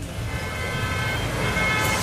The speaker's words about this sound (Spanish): ¿Una hora en este trancón y llegar a cocinar? ¡Qué pereza!